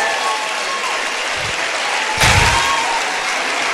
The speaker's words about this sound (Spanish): Lindo los niños, ¿verdad? Dios bendiga a los niños esta noche. Un aplauso para ellos.